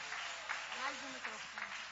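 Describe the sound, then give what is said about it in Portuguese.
An audience in a church claps steadily in a dense, continuous patter for the Lord Jesus, heard fairly softly, while a voice talks over the applause. “Palmas que ouvem ao Senhor Jesus.”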